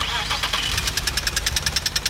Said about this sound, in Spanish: Si tu auto hace este ruido,